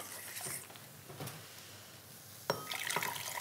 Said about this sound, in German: So, wenn das jetzt hier so das erste Mal aufploppt, dann gebe ich einen Teil von der heißen Flüssigkeit noch mal in die Stärke. Mhm. Und die sich noch mal so ein bisschen angleichen.